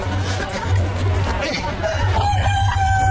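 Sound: chickens crowing and clucking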